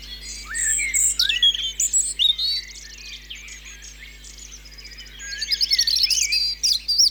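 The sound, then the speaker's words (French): A European robin sings a varied, warbling song of thin, high trills and sweet phrases, clear, with short pauses between bursts and a faint steady hum underneath. “Rouge-gorge familier.”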